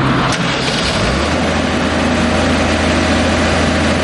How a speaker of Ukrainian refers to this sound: Поки ж біля зруйнованого колектора чергує помпа. Нею перекачують каналізацію повз аварійну ділянку.